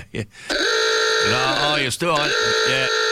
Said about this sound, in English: You didn't annoy the general population with that Claxton horn, did you, this morning? Because somebody gave you the chat to quieten down.